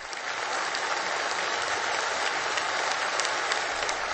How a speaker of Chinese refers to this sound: 北京人民大会堂的掌声不断，梁家河村党支部会议室同样回响着热烈的掌声。